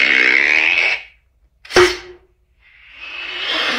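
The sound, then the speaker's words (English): A voice imitates an arrow being shot: a breathy whoosh, a pause, then one sharp snapping thwack with a short twangy ring, followed by another rising hiss. Fairly loud, with no talking. “Shooting an arrow.”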